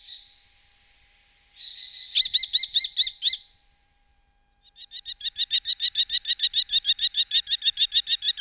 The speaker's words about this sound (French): Et pour terminer, un rapace, le petit faucon cresserelle que tout le monde connaît et a déjà vu voler en surplace.